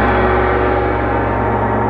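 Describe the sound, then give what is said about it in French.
A single loud gong strike rings out, signalling the end of a 10-second time to agree on an answer, its deep, shimmering tone sustaining and slowly fading over two seconds with no voices over it. “Au gong, je garde la dernière réponse que vous aurez donnée.”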